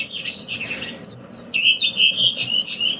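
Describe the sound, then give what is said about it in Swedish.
A redwing sings its classic dialect at Renön, outside Piteå: a bright, high, rapid twittering phrase, pausing briefly then returning louder with a clearer series of sharp, chattering notes over a soft low background hum. “Jo, vi kan börja lyssna på en röving här från Renön där jag bor, här utanför Piteå.”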